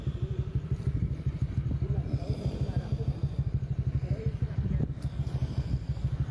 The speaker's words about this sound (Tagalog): Motor niya.